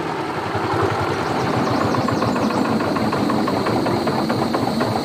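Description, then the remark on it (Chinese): A tractor engine runs steadily, a loud continuous chugging with a fast, even rhythmic knock throughout, and no voices. “你有拖拉机，我不找你找谁啊？”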